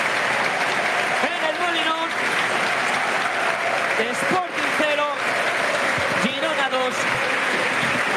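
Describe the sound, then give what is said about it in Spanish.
A big stadium crowd at El Molinón applauds the rojiblancos team at the end of a match they lost, in a steady, dense roar of clapping that never lets up, with scattered shouts and whistles rising above it now and then. “El más claro ejemplo y resumen del partido, ¿no?, es el aplauso de todo el Molinón por el derroche físico y compromiso.”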